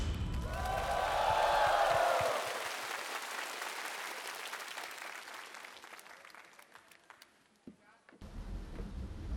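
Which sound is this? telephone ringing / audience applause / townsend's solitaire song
audience applause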